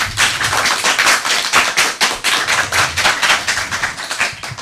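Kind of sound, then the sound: crowd, audience applause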